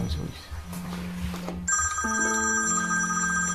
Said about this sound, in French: Le téléphone. Allez-y.